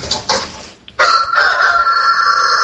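A rooster crows loudly, opening with short broken notes before a sustained, strained cry that holds steady to the end.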